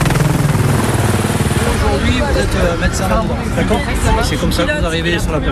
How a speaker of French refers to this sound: Et pour mettre dans l'ambiance, juste à côté, l'hélicoptère de la gendarmerie qui vient de faire une démonstration d'élitreuillage décolle.